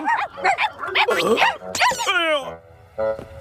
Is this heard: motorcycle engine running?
no